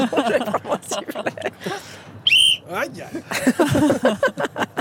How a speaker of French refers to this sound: Je vais prendre mon sifflet.